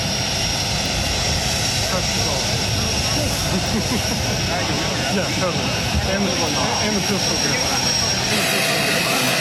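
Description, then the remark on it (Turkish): A jet airplane engine roars steadily on the tarmac, a loud, continuous rush with a high-pitched whine on top, while faint voices murmur underneath. It is the plane carrying Donald Trump on his first visit to China of his second presidency; he is expected to step off shortly. “Donald Trump'ın birazdan uçaktan ineceği tahmin ediliyor.”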